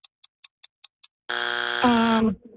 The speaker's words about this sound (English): There's your buzzer.